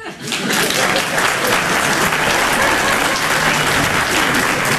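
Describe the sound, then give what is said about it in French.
A stand-up comedy audience on the radio station Rire et Chanson claps steadily in sustained, dense applause that swells in after a brief dip at the start and stays loud and even throughout, with no talking over it. “Par applaudissement, est-ce qu'il y a des gens qui ont des amis?”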